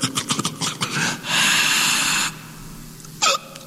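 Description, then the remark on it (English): A man hiccups: a few quick noisy breaths, a long rasping snort-like inhale, then one short sharp hiccup near the end. Fairly loud, with no talking. “I got a hiccup.”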